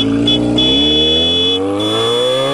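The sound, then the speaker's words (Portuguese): A loud motorcycle engine, a brand-new zero-kilometre motorcycle, revs steadily, its pitch climbing smoothly as it accelerates past, with no voices over it. “Então vai anotando aí quantas vezes a motona passa e se inscreve na promoção.”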